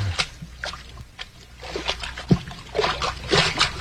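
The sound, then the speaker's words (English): Irregular splashy sloshes of someone wading through ankle-deep water inside a mine cavern, steps churning and dribbling at a moderate level, with quieter trickling between the bursts and no talking. “Hey, we're in water over our ankles.”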